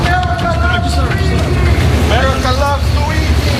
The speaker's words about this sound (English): Chants of America loves Luigi.